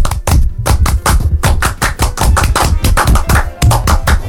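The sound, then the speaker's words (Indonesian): A Pramuka scout clap (tepuk pramuka) from Indonesia: a quick, patterned run of sharp hand claps, about twenty sharp strikes in steady bursts with brief pauses between groups, loud and without any talking. “Tepuk pramuka tuh sekali doang.”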